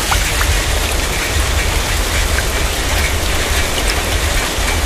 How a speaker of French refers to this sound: Chaque année, des pluies intenses et des inondations soudaines touchent votre territoire. La prochaine fois, c'est près de chez vous que ça pourrait arriver.